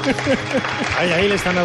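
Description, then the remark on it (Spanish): Applause and cheering from a crowd in Jaca after a proclamation of the town's charter making Jaca a city, a dense steady wash of clapping with raised voices calling out over it, loud throughout the short burst. “Aplausos, vítores, la gente que ha dicho.”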